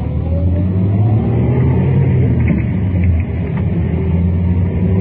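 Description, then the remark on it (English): A car engine pulls hard and revs up as the vehicle accelerates through a U-turn, loud throughout, with a steady low rumble and no voices. “Now, in just a couple more moments, we should get a shot to make that U-turn.”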